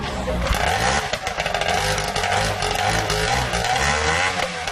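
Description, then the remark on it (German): An old racing boat, taken out of a museum and made ready to run again, has its engine roar to life before going onto the water: a loud, harsh, raspy motor running steadily with rising and falling revs throughout, its buzzing drone filling the whole stretch without a break. “Inzwischen hat der Motor auch erste Lebenszeichen von sich gegeben, da kann es also gleich aufs Wasser gehen.”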